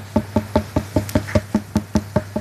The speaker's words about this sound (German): Ein Klopfen. Sie haben gut kombiniert, das ist ein Klopfen. Aber wer klopft da wo, woran und warum? Es sollte so ein heller, hohler Ton sein. Das so richtig hohl klingt. Denn mit zunehmendem Wassergehalt wird der Ton heller.